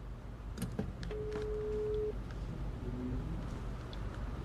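A telephone call rings out: one steady, clear ringing tone lasts about a second, followed by a fainter, shorter tone, over a noisy background with no talking.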